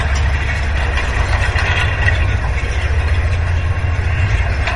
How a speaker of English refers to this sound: The wind was blowing these stalks of grass against the lower strand of the wire fence.